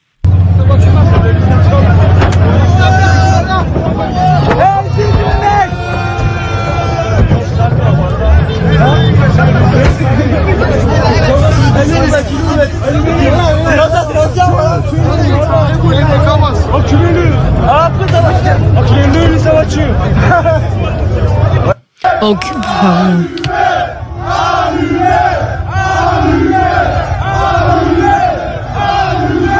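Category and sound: crowd, rioting crowd shouting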